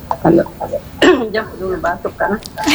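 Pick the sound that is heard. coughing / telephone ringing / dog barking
coughing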